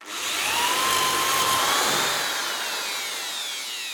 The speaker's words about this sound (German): Dafür spannen wir unser Brett mit den Löchern und einen Fuß mit einer Schraubzwinge zusammen, bohren zwei Löcher vor und schrauben sie zusammen.